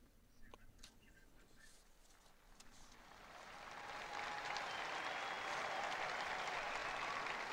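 A large crowd of Portuguese-speaking pilgrims, some showing the Brazilian flag, bursts into applause, starting with scattered claps and swelling after a few seconds into dense, sustained clapping that fills the space, with faint cheers mixed in.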